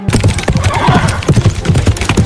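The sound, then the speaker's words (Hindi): Chetak, Maharana Pratap's loyal horse, whinnies loudly over a steady clip-clop of hooves at Haldighati, where Pratap fought to defend his homeland; the sharp hoofbeats repeat in a quick, uneven rhythm throughout. “उनके साथ उनका वफादार घोड़ा चेतक भी था।”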